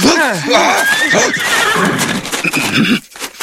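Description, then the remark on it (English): A horse whinnies loudly and repeatedly, its high quavering neighs rising and falling over about three seconds, with some hoof clatter and background commotion beneath. “It's not the best way to ride a horse, but it beats walking, I reckon.”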